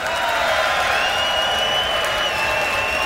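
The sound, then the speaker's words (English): A crowd screams and cheers loudly and without letup for about three seconds as a band's guitarist is introduced, a dense roar of voices with shrill, high-pitched screams riding on top. “Y'all give him a scream.”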